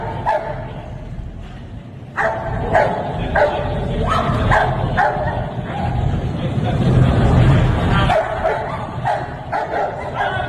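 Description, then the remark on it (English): A police dog named Sparky barks repeatedly in loud, rapid bursts as it is sent after a man with a knife, with some yelps mixed in over a noisy, rumbling background. “So they send Sparky after him, and Sparky doesn't care about that knife.”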